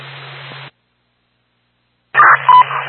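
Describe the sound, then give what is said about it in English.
A short burst of radio static, a second of silence, then loud, steady second dispatch alert tones sounding over crackly radio hiss, two tone bursts in quick succession. “You're due for second tones.”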